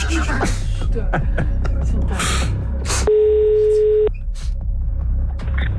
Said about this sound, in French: Donc, allez, on y va. On laisse une demi-sonnerie au premier appel du coup. Allez, chut. Oh là là, j'ai peur pour la personne. Nous appelons quelqu'un en France.